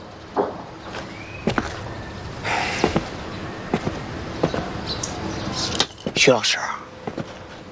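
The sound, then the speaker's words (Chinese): Keys jingle and clink in short metallic bursts as they are handed over to someone, with a few sharp knocks and rustles around them, moderately loud, and no one speaking. “钥匙换给你。”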